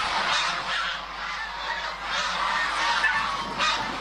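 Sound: geese honking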